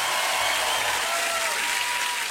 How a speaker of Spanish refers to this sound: aplauso fuerte